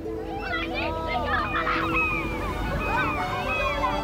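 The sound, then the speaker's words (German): Seagulls call again and again, circling over a beach where children play in the shallow water, as the sun sits low over the horizon. Their rising and falling cries overlap, with a steady wash of background noise underneath. “Am Strand spielen ein paar Kinder im flachen Wasser, über ihnen kreisen Möwen.”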